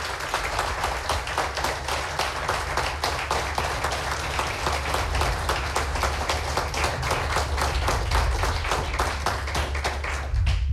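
A crowd claps steadily for about ten seconds, a dense, even wash of applause with individual claps audible in a fast rhythm, sustained at a strong level without any talking over it.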